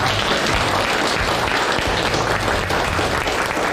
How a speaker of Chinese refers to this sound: 来，掌声欢迎二位，欢迎。